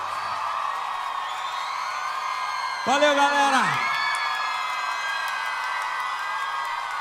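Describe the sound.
A crowd cheers and whoops in a steady, dense roar that fills the whole clip, with scattered applause mixed in. Midway, a man's voice briefly speaks over the noise.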